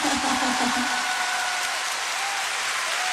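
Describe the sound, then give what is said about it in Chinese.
A concert audience applauds after the singer asks them to clap loudly, in a dense, steady wash of clapping that holds loud and even throughout, with a faint voice briefly audible at the start. “大声啲拍手掌俾我听啦！”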